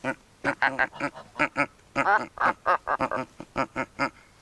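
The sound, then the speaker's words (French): Geese honking: a quick, uneven run of loud, nasal honks, about a dozen in a few seconds, some clustered into rapid bursts with brief pauses between, as a person tries to get the geese to call. “Les oies, c'est dur de les faire parler.”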